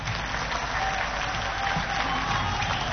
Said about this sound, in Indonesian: Yang kami hormati, kami banggakan Bapak Presiden Republik Indonesia Bapak Haji Prabowo Subianto. Tepuk tangan untuk beliau.